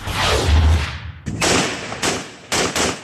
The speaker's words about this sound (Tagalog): Bumalingaw-ngaw ang sunod-sunod na putok ng baril mula sa apat na armadong lalaki sa Arayat, Pampanga noong Sabado ng gabi. Gumagamit sila ng iba-ibang uri ng armas na walang pakundangan nilang ipinapaputok pataas.